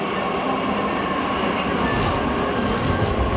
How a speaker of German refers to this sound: Es standen viele Menschen an den Gleisen und auch der Zug nach Berlin war voller als voll.